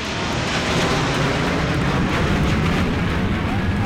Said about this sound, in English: Before the race, military bands lined the streets, and military planes thundered overhead.